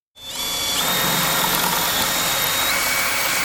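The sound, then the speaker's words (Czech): A historic T3-type tram, repaired by technicians in Brno for Prague, running in Brno: a loud, steady mechanical rumble with a thin electric whine riding on top, starting abruptly and continuing without a break, with no voices. “Tady je ta Krasavice, tam vzdělaná. Tramvaj typu T3 je druhou z celkem 6 historických tramvají, které brněnští technici pro Prahu opravují.”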